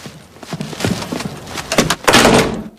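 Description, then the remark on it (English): A door closing on a bag that briefly gets caught as a woman leaves, with several wooden knocks and bumps, then a louder scraping, rustling burst near the end as she strides out and down the stairs. No one speaks. “As Laura leaves, her bag briefly gets caught in the door, but she strides on out and down the stairs.”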